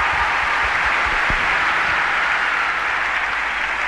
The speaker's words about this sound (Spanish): Fuerte el aplauso. Gracias.